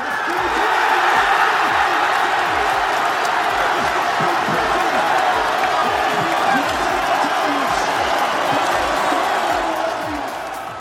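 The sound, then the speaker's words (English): A large stadium crowd of Scotland football fans in Boston roars and cheers continuously at the final whistle of Scotland's 1-0 World Cup win over Haiti, a dense wall of voices with whoops and shouts that stays loud throughout before easing slightly at the end. “As the sound of fans cheering the final whistle, John McGinn scored the winning goal for Steve Clarke's side.”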